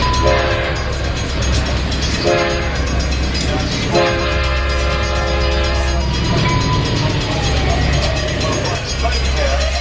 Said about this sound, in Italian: Attenzione, il treno delle ore 21:30 è in arrivo a Milano. Avvicinarsi alla linea gialla.